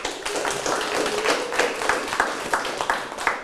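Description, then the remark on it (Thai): A class of students clapping together for a correct answer during a Thai language lesson, a steady, dense patter of hand claps that lasts the whole few seconds at moderate loudness, with no voices over it. “ถูกต้องปรบมือ”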